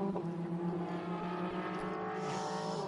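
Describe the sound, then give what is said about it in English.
Race car engines drone and rumble steadily as a large number of GS-class cars roll slowly into the pit lane for pit stops, a dense, continuous mechanical hum with slight shifts in pitch and no voices. “Huge amount of cars coming in from GS, including Jackson Bell, Hannah Greenmeyer coming in for what should be that car's last stop.”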